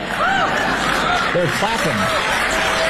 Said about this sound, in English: They're clapping at the sentiment that it's foolish to love your own country, that it's foolish to love the United States of America.